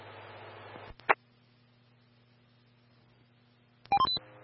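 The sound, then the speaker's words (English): Dispatch alert tones sounded for a walk-in, for awareness only: a quick sequence of short, bright electronic beeps at shifting pitches near the end, after a burst of radio static and a single sharp click, with no voices. “Medicine 12 confirming you need additional tones for the walk-in.”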